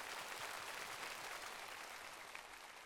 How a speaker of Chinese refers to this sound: 来，掌声给他们。